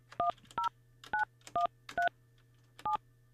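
A quick series of six telephone keypad tones, each a short dual-pitched beep, dialed in an uneven rhythm over a steady low hum, clear with no voices; a number is being dialed to place a phone call.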